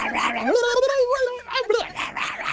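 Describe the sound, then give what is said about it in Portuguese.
A person imitates a rabid dog, voicing a rough growl that rises into a drawn-out, strained howl, then breaks into a few short snarling barks, loud. “Vai, mais um cachorro louco.”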